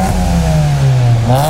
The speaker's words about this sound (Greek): Αν θέλεις το αυτοκίνητό σου να ακούγεται έτσι